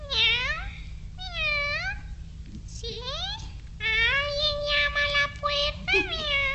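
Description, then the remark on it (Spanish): A black cat meows over and over in a fairly loud string of drawn-out, rising and falling calls, with a faint low hum running underneath. “llegó hasta una casita, a donde una vieja, con la cabeza muy blanca, platicaba con su gato negro.”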